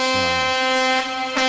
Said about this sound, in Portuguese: Eu sei que nesse momento, cadê a buzina dos carreteiros e caminhoneiros?